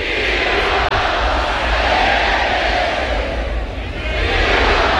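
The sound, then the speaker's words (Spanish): A bullring crowd shouts together in a loud, sustained roar that stays dense and steady for about five seconds, with a brief dip near the first second. “Sí, dejan marcada honda huella junto con este grito.”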